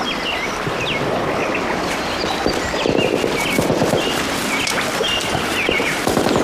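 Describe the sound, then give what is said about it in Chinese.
Gunfire crackles as scattered, muffled pops over a dense noisy background, with bird chirps threading through it, from fighting at Pengjiadun, an attack on the Peng family compound. No one speaks. “您听那枪声，这还有假吗？”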